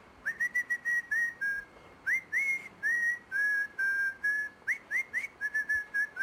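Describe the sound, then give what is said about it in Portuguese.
A person whistles the jingle of the radio show Portugalex alone, a bright, bouncy tune with a string of short and held notes in a lively rhythm and quick upward slides between phrases. “Há uma nova tendência viral no WhatsApp que consiste em mandar áudios só com assobios.”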